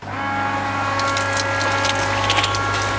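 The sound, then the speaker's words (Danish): A garden watering machine, switched on again to carry on the watering, runs with a steady, droning motor hum and layered tonal whine. After a second a hissing, splashing spray joins and flutters unevenly over the constant engine noise. “Du skal videre med din vanding, så du tænder maskinen en gang til.”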